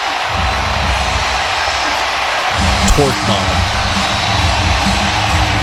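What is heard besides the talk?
baseball stadium crowd cheering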